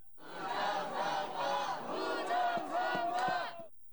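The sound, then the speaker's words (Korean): A crowd of protesters holding placards and South Korean and US flags, surrounding the building entrance of a blockaded polling station in Jamsil, Seoul, chants slogans in unison, their loud voices rising and falling in steady rhythmic bursts, with a few sharp claps or thumps near the end. “구호를 외치는 사람들 주변에서 일부 유튜버들은 방송에 열을 올리기도 합니다.”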